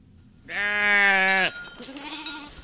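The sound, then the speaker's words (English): A Churro sheep, one of dozens being brought up by herders to graze in the Carrizo Mountains on the northeastern Navajo Nation, lets out one loud, wavering bleat lasting about a second, followed by a softer, lower bleat trailing off. No one speaks. “On the northeastern Navajo Nation, herders and weavers are bringing dozens of Churro sheep and goats up to the Carrizo Mountains.”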